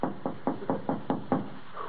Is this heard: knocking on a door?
yes